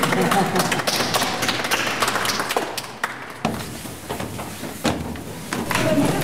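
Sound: children applauding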